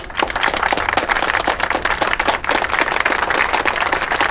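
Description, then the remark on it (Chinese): A group of troupe members applauding steadily for a colleague who was selected by the Southern Song and Dance Troupe, a dense, continuous patter of many hands clapping at an even loudness for several seconds, with no voices over it. “我们大家为他鼓掌。”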